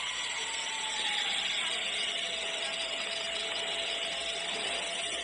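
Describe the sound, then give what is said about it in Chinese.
A steady, high-pitched, abnormally shrill whine from the running engine of a customer's car that showed no fault code; continuous and fairly loud, with a constant hissy mechanical drone and no speech. “但是他这个发动机的啸叫声不对，你听。”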